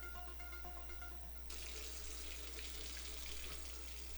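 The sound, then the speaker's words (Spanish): A faucet turns on partway through and water gushes steadily into a sink, a continuous hissing splash that carries on to the end after a quieter start with faint tonal hum. “Si no cerras la llave mientras lavas dos platos o te cepillas los dientes, estás desperdiciando el agua que se tomarían 44 personas en un solo día.”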